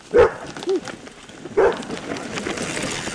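A service dog named Azul, in Vermont, that goes mountain biking with its owner, barks three times, two quick barks followed by a third after a short pause, then only soft outdoor background noise remains.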